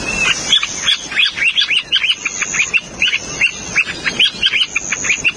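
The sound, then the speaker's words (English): A plover, a species found in Canada and Alaska, gives its chirping call: a rapid string of sharp, high chirps, repeated steadily for several seconds, with a faint insect-like buzz running underneath. No one speaks. “Here's an example of the bird's chirping call.”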